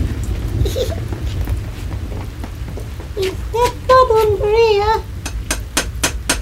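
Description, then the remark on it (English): Heavy rain pours down in a steady, dense hiss, with sharp splashes and drips cracking through; partway through, a voice lets out a brief, drawn-out exclamation. “It's spitting a bit hard, Dad.”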